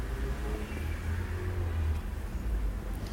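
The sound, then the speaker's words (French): A Volvo car's engine hums steadily as it turns onto boulevard Saint-Germain amid street traffic noise, a continuous low rumble lasting a few seconds with no speech. “Une Volvo qui tourne dans le boulevard Saint-Germain.”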